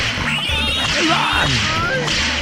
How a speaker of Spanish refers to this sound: Y unos latigazos, por favor, que le mandemos unos latigazos para allá para ellos.